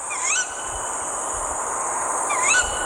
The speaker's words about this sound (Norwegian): Og det er jo en lyd som kanskje er litt skremmende for mange. Dette er kattuglehunden som roper, eit, eit. Og der kom hannen inn, nei, der ga han seg.